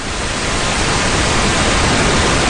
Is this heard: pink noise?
yes